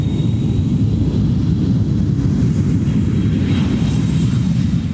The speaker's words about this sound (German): Ein Flugzeug, also so eins, mit dem wir zum Beispiel in den Urlaub fliegen, wäre dagegen schon deutlich länger unterwegs, fast 3 Wochen.